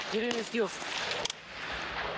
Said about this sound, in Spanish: Repito. Disparo. Pongo el seguro. Me muevo.